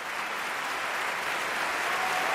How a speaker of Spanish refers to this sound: un homenaje de Hermonella Yajo en esta versión bastante operística y con el piano de Rubén Fernández Aguirre, que levantó al público del Liceu, que aplaudía, como escucháis, con muchas ganas, esta interpretación.